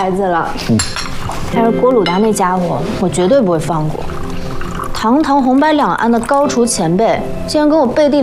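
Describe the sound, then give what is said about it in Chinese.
Several voices talk and call out together while glasses clink sharply a few times beneath them in a toast to the opening of a Chinese restaurant, in a busy, festive scene. “为中餐厅 这里开业，干杯！”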